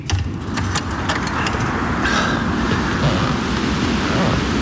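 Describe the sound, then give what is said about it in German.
Storm wind roars steadily at night around a house by a lake, with a dense low rumble, surging in gusts with a few brief rattling clicks and a faint whistling howl midway. No voices are heard. “Sicherlich wird sich der Sturm in Kürze zum Orkan entwickeln.”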